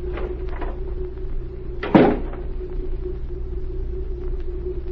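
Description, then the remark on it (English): A door opens and shuts with one solid clunk partway through, set against a steady low rumble that hums on throughout. No one speaks. “Now, if you will open the door, I'm going to stay here.”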